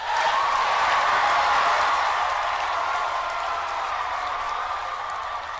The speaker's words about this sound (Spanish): ¡Aplausos para ellos!